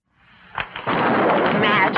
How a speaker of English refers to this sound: Thunderstorms.